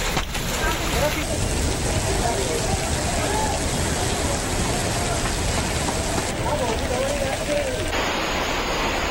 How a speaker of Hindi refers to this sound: बारिश और ओले गिरने से मौसम खुशनुमा हो गया है, लेकिन आप इन ओलों का साइज देखिए, ये नॉर्मल से कहीं ज्यादा बड़े हैं और काफी बड़े ओले हरियाणा में गिरे, जिससे मौसम जो है वहां बेहद ठंडा हो चुका है।